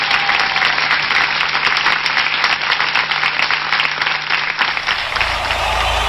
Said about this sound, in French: on les applaudit tous très très fort.